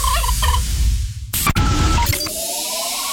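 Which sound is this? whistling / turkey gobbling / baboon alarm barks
turkey gobbling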